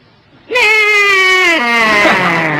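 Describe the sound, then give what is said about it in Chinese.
A man's voice imitates the whinny of his horse: one loud, sustained cry of about two seconds that holds a steady pitch, then wavers and slides downward with a bleating quiver like an old sheep, with no other sound. “你得听我那个马一叫唤都这个声音。”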